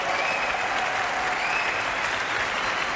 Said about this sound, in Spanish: Gran ovación ahora para la soprano